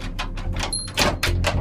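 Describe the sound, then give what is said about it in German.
A heavy cellar door is pulled open, with a run of rough scraping and rattling bursts over a low rumble, and no drawn-out creak of the hinges. “Komisch, ich hätte jetzt erwartet, dass die Kellertür quietscht.”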